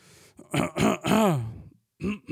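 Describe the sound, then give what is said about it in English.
A person clears their throat, a series of several gruff, voiced bursts, the longest one dragging out with a falling pitch, followed after a short pause by two quicker rasps. “Let me clear my throat.”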